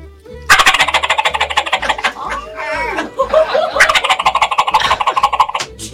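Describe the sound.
A person on a radio show imitates a turkey gobbling with a mouth diaphragm call of latex, an aluminum frame and tape, held in the roof of the mouth: a loud, rapid, warbling rattle in two bursts with a brief wavering pause between them.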